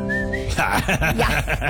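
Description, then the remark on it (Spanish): A short burst of whistled notes, clear, lasting under half a second before voices and music-like chatter take over. “Solo falta que silbara.”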